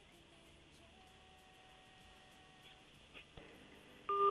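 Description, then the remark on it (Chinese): Faint telephone dialing tones over a hissy line as an outgoing call is placed to a Xpeng car dealership's after-sales store: a few steady electronic tones at different pitches, then a brief louder tone at the very end. No one speaks. “来，导播继续打四 S 店，或者打这个直营店的售后店长。”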